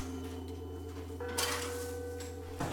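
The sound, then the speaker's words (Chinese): Two scraping, crunchy scoops as a shovel digs fermented grain mash out of a two-metre-deep cellar pit in October for making grain liquor, the second scoop shorter, over a steady low mechanical hum in the background. “两米深的酒窖，发酵好的酒糟被一锹一锹地铲出。”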